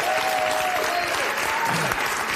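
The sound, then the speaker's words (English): Loud, sustained applause from a large crowd, a dense wash of clapping with a few faint whistles and cheers rising above it, steady throughout. “You sound like a great crowd.”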